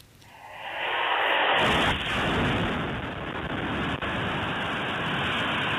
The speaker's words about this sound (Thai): ทางการยูเครนเผยแพร่ภาพจากกล้องวงจรปิดเป็นภาพการโจมตีทางอากาศในคาคีฟเมืองใหญ่อันดับ2ของยูเครนค่ะ